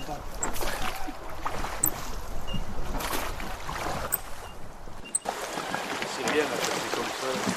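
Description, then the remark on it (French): A wooden gabarre barge descends the Dordogne River toward Montvalent with a steady wash of water against its hull, continuous, with faint indistinct voices mixed into the background. “Nous voilà donc sur notre gabarre la Marie pour notre descente de la Dordogne jusqu'à Montvalent.”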